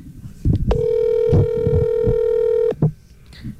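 A phone call rings out with one steady, mid-pitched ringback tone lasting about two seconds, over low, thumping background noise.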